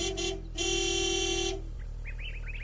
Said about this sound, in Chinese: 毛先生话音未落，远处传来了吉普车的鸣笛声。过了一会儿，一辆吉普车急速地开了过来，停在了靶场的附近。